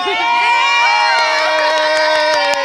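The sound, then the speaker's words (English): Spanish football fans cheer and shout loudly and continuously outside the Jimmy George Indoor Stadium, many overlapping voices forming a steady roar with high-pitched yells and whoops rising above it, no pause throughout. “we are right now outside the Jimmy George Indoor Stadium. And these are the Spanish fans.”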